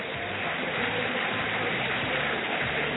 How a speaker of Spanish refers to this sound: La contundencia llegó a la Bombonera. Se retira Boca, se retira Central Córdoba. Los aplausos en la Bombonera para el Ceneice.